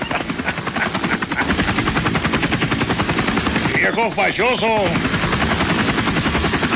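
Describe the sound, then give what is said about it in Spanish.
A helicopter passes overhead, its rotor thumping in a loud, steady rapid chop throughout. A few short, high vocal cries cut through briefly near the middle. “Haciendo bilis con el helicóptero, el tequila.”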